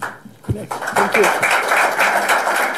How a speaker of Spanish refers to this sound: Aplaude, es una conferencia de prensa.